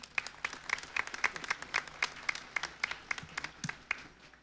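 People at a church Mass applaud donors who ran a donation campaign, a steady patter of many hands clapping at moderate volume with sharp individual claps standing out, lasting a few seconds without any talking.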